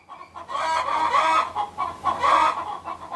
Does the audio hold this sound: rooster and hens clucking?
yes